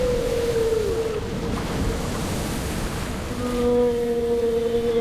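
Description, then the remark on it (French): Rough sea waves crash and roar in a steady, dense wash of noise that swells slightly near the end, with long, faint tonal cries drifting over it. No one speaks. “Mais plus la baleine poussait, plus notre bateau s'approchait des côtes et plus la mer, gonflée de rage, rugissait, luttait.”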